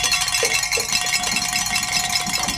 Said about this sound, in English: We can ring some bells and celebrate here.